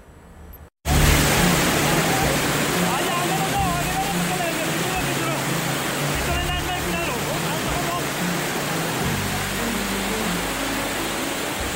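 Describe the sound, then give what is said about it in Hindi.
Loud, steady roar of rushing floodwater from a swollen river in Chamba, Himachal Pradesh, India, after heavy rain, starting abruptly after a brief quiet moment and continuing without pause, with a voice faintly audible beneath the churning water. “बेहिसाब बारिश की वजह से हिमाचल प्रदेश के कई इलाकों में नदी नाले उफान पर हैं और जिंदगी का कड़ा इम्तिहान है।”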